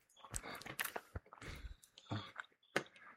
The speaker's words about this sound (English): I'm sorry for the chicken eating noises.